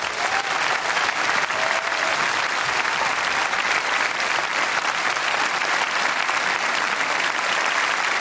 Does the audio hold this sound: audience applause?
yes